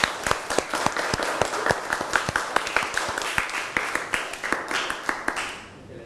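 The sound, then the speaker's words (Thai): A group applauds an educational video for about six seconds, a dense patter of claps with sharp individual hand strikes standing out, steady at first and then thinning and fading near the end. “ค่ะก็ต้องขอขอบคุณสื่อวิทัศน์ที่ใช้ในการศึกษาในวันนี้นะคะก็ต้องขอขอบคุณแล้วก็ขอเสียงปรบมือให้กับสื่อวิทัศน์ในครั้งนี้ด้วยค่ะ”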